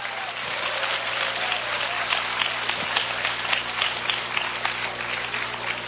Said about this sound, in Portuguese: Mais palmas para o Senhor Jesus.